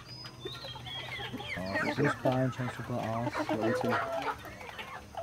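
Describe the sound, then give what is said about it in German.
A flock of about 1000 Marans chickens on a chicken farm in Styria clucking and squawking busily, many overlapping calls over a steady low hum. “1000 Maran-Hühner leben hier.”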